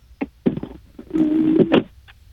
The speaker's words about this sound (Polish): O, ktoś zadzwonił, ale super.